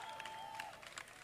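A short burst of audience applause, soft, scattered clapping with a crowd murmur, while a steady mid-pitched tone sounds through the first half and then fades.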